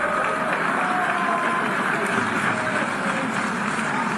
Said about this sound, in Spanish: Ahí están las protestas ya, el rechazo, el abucheo.